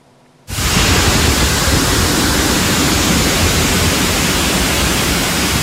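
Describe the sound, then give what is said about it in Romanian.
Floodwater rushes loudly and steadily through streets in Dolj, turned into streams within a few tens of minutes, a dense, continuous roar that starts abruptly after a brief quiet moment and holds without a break, with no voices. “Mai multe străzi din Dolj s-au transformat în păraie în doar câteva zeci de minute.”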